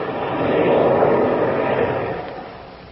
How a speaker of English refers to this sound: Listen to that. Chuck throttled his engines. We're going down to land.